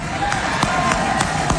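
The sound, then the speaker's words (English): A crowd gives thunderous applause during a speech by Florida's Republican nominee for lieutenant governor, a dense wash of noise punctuated by sharp, evenly spaced claps or thumps landing about three times a second, steady and loud throughout. “That got some thunderous applause there.”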